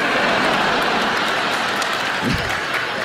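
A large studio audience claps and cheers in a dense, steady, loud roar that fills the whole stretch, with no one speaking over it.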